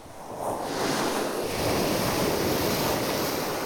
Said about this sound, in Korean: 이곳은 특이하게도 몽돌 해변인데요. 파도와 몽돌이 만들어내는 소리 다채롭고 신비롭기까지 합니다.